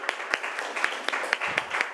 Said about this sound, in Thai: ขอเสียงปรบมือให้เพื่อนจากกลุ่มที่4ค่ะ